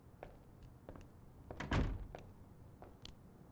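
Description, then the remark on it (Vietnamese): A door swings shut with a solid, fairly loud thud, preceded and followed by faint clicks and rattles of the latch and handle, with no voices. “đừng đóng cửa.”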